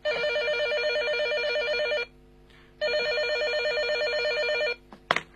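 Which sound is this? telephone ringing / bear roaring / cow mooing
telephone ringing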